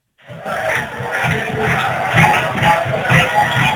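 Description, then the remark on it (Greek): A dense crowd of Panegialios football fans chants together to taunt Panachaiki fans, a steady wall of voices swelling in rhythmic pulses every fraction of a second, loud and continuous with no single voice standing out. “Οι φίλαθλοι του Πανεγιαλίου τώρα προσπαθούν να πικάρουν τους φίλαθλους της Πανακαϊκής. Φωνάζουν πάτη νόκαν να βάλει για πάντα.”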